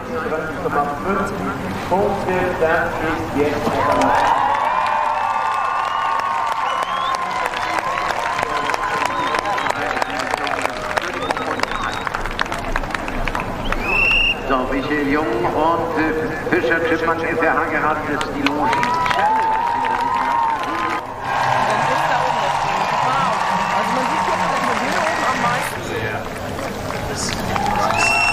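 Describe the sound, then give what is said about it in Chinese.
A crowd of spectators gathered near the finish area of an equestrian competition cheers and claps continuously, loud and sustained, with a man commentating over it and hoofbeats faintly audible beneath the noise. “在靠近终点的区域呢，观众已经越聚越多了。”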